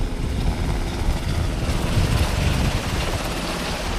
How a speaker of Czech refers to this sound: Dva vrtulníky Black Hawk nabírají vodu. Do jednoho bambivaku se vejde asi 2,5 tisíce litrů vody, takže celkem 5 tisíc. Bambivaky jsou plné a vrtulníky teď vzlétají a letí hasit požár, který je asi 3 kilometry odsud.